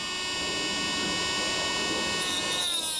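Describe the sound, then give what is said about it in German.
A high-pitched diamond grinder whines steadily with sharp stacked tones as it grinds down an alpaca's overly long teeth to shorten them, the pitch shifting slightly near the end; no one speaks. “Skibrille auf, Motor an. Was Diamanten schneidet, geht auch durch Alpaka-Zähne.”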